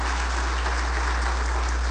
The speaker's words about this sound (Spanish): Le damos un fuerte aplauso a los que nos ven y nos escuchan. Amén.